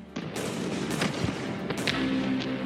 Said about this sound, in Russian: С приближением сумерек на поле боя медленно затихали выстрелы.